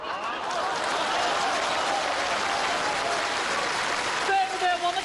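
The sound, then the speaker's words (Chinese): A crowd claps in steady, dense applause that holds at an even level throughout, with a few voices and cheers rising over it near the end, applauding in congratulation of Jiang Kun. “掌声祝贺一下，姜昆点燃了生活新希望。”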